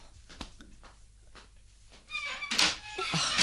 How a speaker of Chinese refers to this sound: 唔知边个呢？等我去开门先啦。